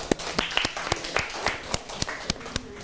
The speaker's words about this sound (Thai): ปรบมือให้กับเพื่อนหน่อยค่ะ